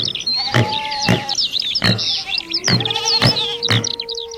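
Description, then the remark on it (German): In an animal sound quiz, steady birdsong chirps while goats bleat and wild boars grunt in short bursts, and a long, drawn-out wolf howl rises beneath the mix. “Genau, das waren Vögel, Ziegen, Wildschweine und ein Wolf.”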